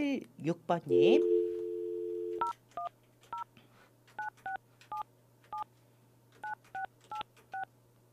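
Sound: telephone keypad dialing tones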